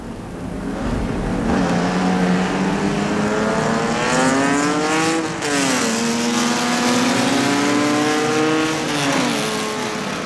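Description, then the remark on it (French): A race car engine roars steadily and loudly on a track as the last car starts its final lap, its pitch climbing through the gears with a couple of brief drops as it shifts, with no voices. “Voilà la dernière voiture qui amorce le dernier tour.”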